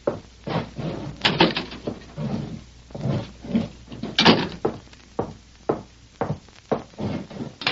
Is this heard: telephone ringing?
no